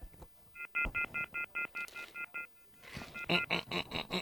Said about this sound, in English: Nico learned to beep. Nico didn't learn how to use a phone.